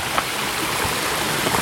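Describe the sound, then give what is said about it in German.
Steady babbling of shallow flowing water where two small streams join at a branch of the Schreizengießen, with a continuous even hiss and no voices. “Hier kommen zwei Bäche zusammen, das heißt,”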